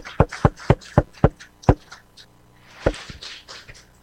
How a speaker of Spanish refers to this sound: Vamos a regalarle un fuerte aplauso a la Virgen del Carmen en este 16 del mes de julio.